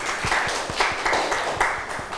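A short burst of applause from students clapping for themselves during a lesson, many hands clapping in a steady, dense patter at moderate loudness, with no voices over it.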